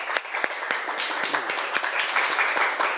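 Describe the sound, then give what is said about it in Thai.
A group of classmates claps for a classmate steadily for about three seconds, a dense patter of overlapping hand claps at a fairly even, moderate loudness, with a faint murmur of voices underneath. “ถนนปรบมือให้เพื่อนหน่อยครับ”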